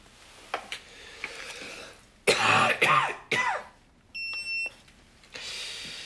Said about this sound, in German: Ist das mit dem Husten schlimmer geworden? Aber seit der OP tut mir der Hals ein bisschen weh. Ist nie ungewöhnlich, nachdem man intubiert wurde.